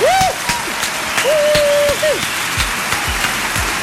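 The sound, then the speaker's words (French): An audience claps steadily throughout, a dense, crackling wash of many hands, with a few high, sliding whoops or whistles rising over the applause near the start. “Si on peut, bien sûr, avoir tous nos applaudissements.”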